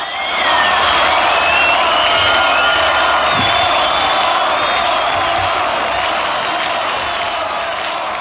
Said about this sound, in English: And it was really a high point of the whole of the Woodstock weekend. And it just listened to that applause, that's why I've left it on there. It's so so amazing.